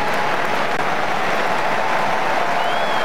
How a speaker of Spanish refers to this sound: El aplauso para el líder.